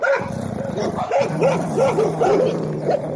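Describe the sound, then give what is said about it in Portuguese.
A human voice imitates a pack of stray dogs barking on an avenue in Clevelândia in the morning, with a rapid string of yapping, rising-and-falling barks overlapping one another, fairly loud for about three seconds. “Pela manhã não dá pra andar na avenida. Tanto cachorro sem dono”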